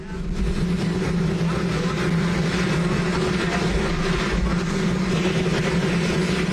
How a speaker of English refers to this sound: It's like sort of, it's like when you choose to sleep with like rain noise, but like hot helicopter noise. Yeah, you know, I mean, I've covered a lot of Donald Trump's helipad press conferences, gaggles, and it is loud there.